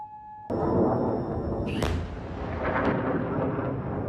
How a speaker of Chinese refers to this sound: 科威特武装部队总参谋部当天在社交媒体上发表声明说，科威特防空系统拦截了敌方导弹和无人机袭击，如果民众听到爆炸声，是防空系统拦截敌方袭击所致。